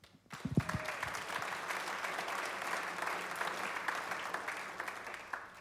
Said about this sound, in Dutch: Iedereen krijgt een applaus en terecht.